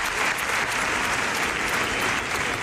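A crowd applauds steadily at the end of a solemn protest march in front of a tenant's home at number 46 Calle Sáenz de Baranda, followed by a minute of silence: a dense, even wash of many hands clapping at constant loudness throughout, with no voices standing out.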